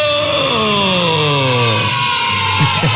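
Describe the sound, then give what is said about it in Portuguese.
A sewing machine used by a grandmother to mend clothes whirs steadily and loudly, its humming pitch sliding gradually lower as it slows, then briefly revving up again at the end, with no voices present. “Que essa máquina que a vó tá usando é a famosíssima... máquina de costura.”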